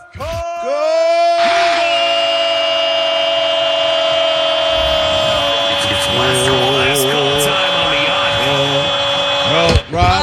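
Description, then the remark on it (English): A person lets out a long, loud scream muffled behind a covered mouth, holding it for several seconds with a wavering pitch before it cuts off abruptly. “Okay, just because you put your hand over your mouth don't mean you weren't doing it.”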